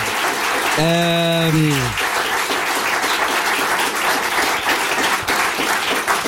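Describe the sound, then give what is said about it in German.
A crowd applauds loudly and steadily, dense clapping filling the whole stretch, with a brief harmonic vocal cheer or shout rising over it near the start. “Es hat mir sehr viel Spaß gemacht, Leute, applaudiert einmal für Thorsten Streter, bitte.”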